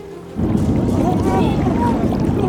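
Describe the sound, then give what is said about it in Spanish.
Water suddenly surges into a cave, flooding it with a loud, steady rushing roar that doesn't let up, while faint raised voices cry out over the torrent. “¡El agua está llenando la cueva!”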